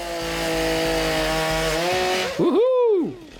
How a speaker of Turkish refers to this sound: Şayet odun kesecekseniz size iyi bir motorlu testere lazım. Tıpkı bu elimdeki gibi.